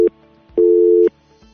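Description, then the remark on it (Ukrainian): A telephone busy signal from a failed first attempt at a call: a steady electronic tone that cuts off, pauses, then sounds again for about half a second, loud with no voices. “Так, перша спроба виявилася невдалою.”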